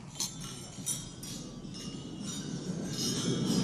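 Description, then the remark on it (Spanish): Several light glassy clinks ring out at irregular moments as wine glasses are touched together in a toast at Macron's gala dinner, fairly faint over a low, steady background rumble. “Estaba yo escuchando el brindis en la cena de gala de Macron y quiero que escuchéis el ruido de las copas.”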